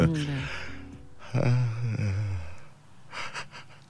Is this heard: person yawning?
yes